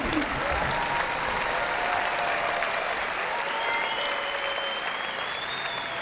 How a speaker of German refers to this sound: Und ich bitte Sie nochmal um einen großen Applaus. Das ist unser Orchester des Abends, die Nürnberger Symphoniker.